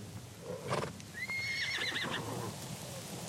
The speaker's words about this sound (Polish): Sznur. Konie ruszają.